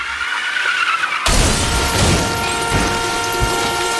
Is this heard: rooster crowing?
no